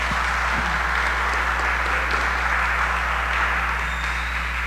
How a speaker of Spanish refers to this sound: Le damos un aplauso